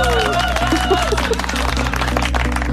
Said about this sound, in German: Da verdienst du schon jetzt, schon vor deinem Auftritt, einen fetten Applaus. Juhu!